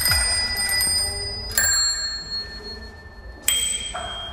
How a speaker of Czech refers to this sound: Tak to je zvonkohlás z našich kol na naší nové výstavě.